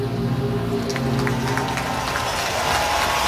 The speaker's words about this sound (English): Had some junior cheerleaders out on the field for that. Nice round of applause from the Argo faithful, who are looking for something to cheer.